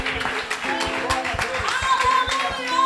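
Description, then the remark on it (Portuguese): A church audience claps for Jesus during worship in a steady, quick rhythm, sharp beats repeating about four times a second over sustained singing or musical tones. “Se você está na mesma fé, aplauda Jesus bem forte.”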